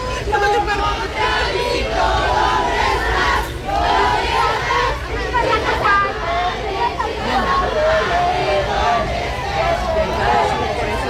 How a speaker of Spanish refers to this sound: Durante el recorrido gritaron consignas como de aquí para el Real, pa' fuera los Monreal.